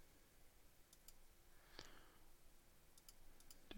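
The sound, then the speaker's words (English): A few scattered, quiet clicks of typing on a computer keyboard, irregularly spaced with one sharper keystroke in the middle, over a faint background hiss and no voices. “Oh, it'd help if I was in the music library when I was typing so that we can get a song.”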